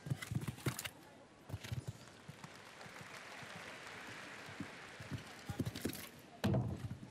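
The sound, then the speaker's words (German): Hoofbeats thud across a large stadium as a show jumping horse gallops during a five-star Grand Prix, with sharp knocks of a rail being knocked down, over a steady murmur of a crowd of around 35,000 spectators in the background. “Hier leider der Abwurf.”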